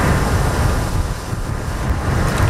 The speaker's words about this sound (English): Huge waves thrown up by the outer bands of Typhoon Bavi pound Taiwan's northeast coast. The storm is about 1,000 kilometers wide.